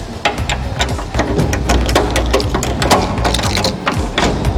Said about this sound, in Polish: Otworzymy tą sztabę, którą zabezpieczone są drzwi wiodące do skarbca.